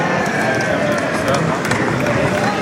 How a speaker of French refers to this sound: Les protestations que l'on peut entendre, c'est pas contre le torero, loin de là